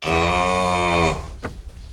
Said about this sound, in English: Remember the Playtime barn? And every time you opened and closed the barn door, there was the sound of a cow. Which, when you're four, is like the greatest thing that ever happened.